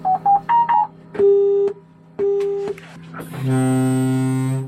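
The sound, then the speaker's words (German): A quick run of four dial-tone-like beeps, then two steady pulses of a busy signal, followed by a long, loud, low foghorn-like blast with rich harmonics. A Siemens Mobility fully automated train is starting up and testing its own brakes on a test track in Berlin-Spandau. “Besetzzeichen und Nebelhorn. So hört es sich an, wenn der vollautomatisierte Zug hochgefahren wird und die Bremsen selbst testet.”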